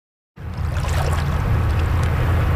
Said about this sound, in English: On a hot summer day in the Whitewater Rapids at Harvey Passage, that is the place to be.